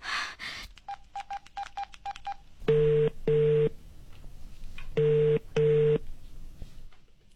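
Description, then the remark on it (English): Telephone dialing tones: a quick run of seven short, even beeps, followed by two pairs of longer, buzzy ringing tones, clear with no one speaking. “Divya, I feel like I'm going to pass out. The phone.”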